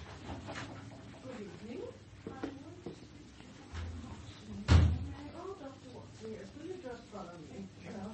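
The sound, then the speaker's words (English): A door is opened slightly, with a single brief knock-like thud partway through, set against a steady background of muffled, indistinct voices murmuring throughout. “Now, open the door slightly.”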